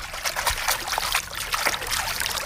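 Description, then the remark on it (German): Real water trickles steadily at a swimming pool, a continuous bubbling, splashing flow with small irregular spurts, heard on its own without any voices. “Das ist echtes Wasser, kann ich versichern.”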